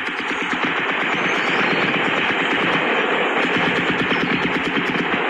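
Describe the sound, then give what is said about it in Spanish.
Sustained bursts of automatic gunfire from clashes between National Army troops and FARC dissidents of the Frente Adán Izquierdo crackle without pause, dense rapid shots layered over one another at a steady loud level, with no voices heard. “Dicen las autoridades que se trata de estos combates entre el Ejército Nacional, sus tropas, en contra de las disidencias de las FARC”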